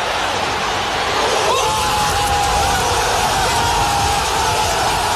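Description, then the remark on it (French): Marseille football supporters roar in the kop of a stadium after a goal by Kamel Meriem, a loud, dense wall of cheering and shouting that never lets up, with a steady sustained tone rising above the crowd partway through. “Et vous allez entendre la réaction des supporters marseillais.”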